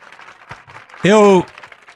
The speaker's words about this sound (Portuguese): E vamos aplaudir mais o Senhor Jesus.